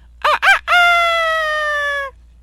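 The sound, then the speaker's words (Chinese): A rooster crows loudly at five in the morning: two short clipped notes, then one long, drawn-out harmonic call that holds steady for over a second before cutting off. No voices or other sounds. “公鸡叫了，你也应该起床做早操了吧？”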